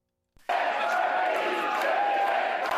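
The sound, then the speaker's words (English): A large crowd at Parti Québécois headquarters in Quebec chants "Quebec, a country" in unison after the party's election comeback, a loud, sustained roar of many voices with a steady rhythmic cadence, starting abruptly after a brief silence. “Quebec, a country, chanted the crowd at PQ headquarters.”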